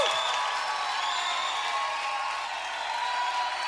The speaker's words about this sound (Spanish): aplauso a Jesús.